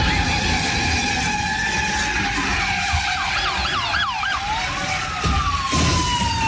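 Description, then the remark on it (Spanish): A police siren wails steadily, then breaks into rapid rising-and-falling yelps before settling back to a long tone, all over a constant rumble of traffic and engine noise, during a police chase in North Hollywood. “Genio, en North Hollywood se llevó a cabo una persecución policial intensa, ya que un vato se robó un carro de lujo amarrado a su camioneta.”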